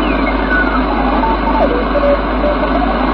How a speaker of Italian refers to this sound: Radio. Onde corte. Onde corte. È il mio ricevitore radioamatoriale. Solo che ho montato un dipolo fuori, ma venga tanti di quei disturbi. C'è questo disturbo fisso.